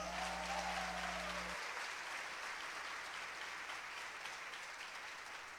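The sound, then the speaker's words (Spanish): Steady applause from a crowd, a dense continuous patter of many hands clapping at a fairly even level, with a low hum underneath for the first second and a half. “Un aplauso.”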